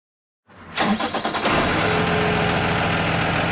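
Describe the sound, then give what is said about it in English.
The diesel engine of a big yellow school bus cranks over with a quick series of starter pulses, catches, and settles into a loud, steady diesel idle that rumbles on with no voices. “It's one of those big yellow school buses, the kind so many of us have taken to school, bumping around in those vinyl seats”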